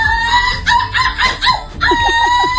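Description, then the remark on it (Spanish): A young woman from Vigo, silver medalist in an international seagull imitation contest, imitates a seagull, letting out a rapid run of shrill, yelping cries with wavering pitch, loud, broken by one short pause before the calls resume. “Pendiente de otras cosas, porque tenemos a una joven viguesa que ha ganado la medalla de plata en un concurso internacional de imitación de gaviotas.”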